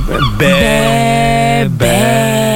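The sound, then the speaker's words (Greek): Loud seagull calls: two long, drawn-out wailing cries with sliding pitch, separated by a brief break, with no talking over them. “Καλέ, τι γλάρι ακούγονται. Σχηματίζουν ένα όνομα στον ουρανό.”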